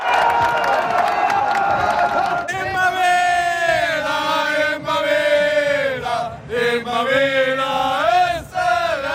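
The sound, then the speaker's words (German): A loud crowd of Austrian World Cup football fans cheers and chants together in the early morning over a 3–1 win against Jordan, sustained voices swelling and rising in pitch, with brief dips before surging again for the whole stretch. “Österreichs WM-Fans jubeln über das 3:1 gegen Jordanien.”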